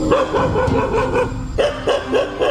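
Stray dogs bark as people walk past, in a rapid, repeated, loud series, with overlapping yaps and a brief pause before another burst of barking.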